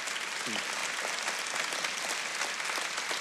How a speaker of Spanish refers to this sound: Sí, si quiere aplaudir, apláudalo.